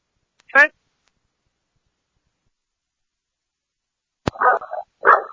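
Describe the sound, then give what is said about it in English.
A dog blocking access to a window barks sharply once, then after a long silence and a brief click, lets out two more rough barks in quick succession, with a slightly thin, radio-like tone. “The RPs here are stating that there's an access to a window, but there's dogs blocking it.”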